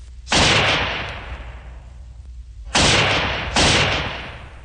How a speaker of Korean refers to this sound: 갑자기 귀척을 찢는 듯한 총소리가 울리며 총알이 머리 위로 지나갔다.